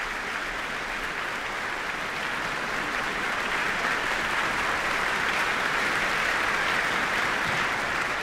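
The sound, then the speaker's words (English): A concert audience applauds concertmaster Vesa Matilepinen steadily, a dense, even wash of clapping from many hands that holds at a constant level throughout, with no voices breaking through. “Applause for concertmaster Vesa Matilepinen.”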